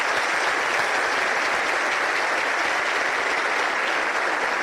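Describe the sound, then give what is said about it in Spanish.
A seated audience at the opening of a congress applauds the President of the Republic, a dense, steady wash of many hands clapping at an even loudness for the whole stretch, with no voices standing out. “Pedimos al público que permanezca sentado y unos aplausos para el señor Presidente, quien se retirará para continuar con sus actividades oficiales.”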